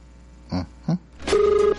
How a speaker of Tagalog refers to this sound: Okay. Pero nag-ring na iyang cellphone.